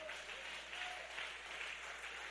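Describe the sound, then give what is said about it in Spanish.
A crowd claps loudly and steadily for Christ, a dense wash of many hands with no pauses, filling the whole stretch without any talking. “Dele ese aplauso fuerte a Cristo.”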